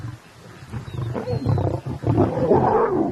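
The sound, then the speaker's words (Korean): A male lion growls in deep, rumbling bursts that build into a louder, sustained snarl, forceful, with no voices present, as he keeps lionesses from eating a recent kill. “수컷이 으르렁거리며 암컷들이 못 먹게 하죠.”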